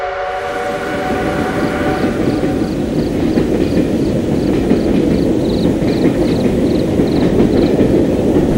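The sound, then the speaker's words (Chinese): A train pulls away and rolls by with a heavy, steady rumble and a regular clacking of wheels over the rails, a brief whistle-like tone sounding at the very start, no voices. “大佐，火车开走了，怎么办？”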